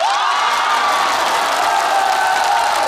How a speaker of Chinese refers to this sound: 千言汇成一首歌，您一鼓掌我就唱。